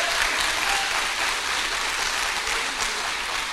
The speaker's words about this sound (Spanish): Y todo el pueblo dice: aplauso para el Señor.